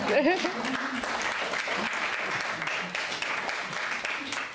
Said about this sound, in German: Und natürlich mein Dank, Sie dürfen gerne auch klatschen.